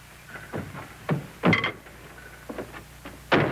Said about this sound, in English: Will you close this door, please?